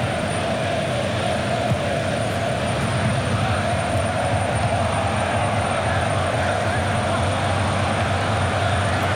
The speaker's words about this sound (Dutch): Helikopter geronken boven het stadion.